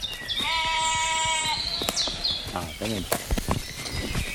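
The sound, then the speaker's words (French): A ewe bleats in one drawn-out, wavering call, followed by a voice talking over rustling and scattered birdsong. “Est-ce que tes brebis t'apprennent quelque chose?”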